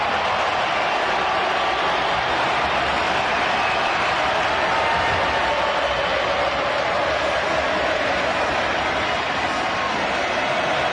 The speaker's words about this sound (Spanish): Aparece Messi, se transforma en aplauso. Impresionante.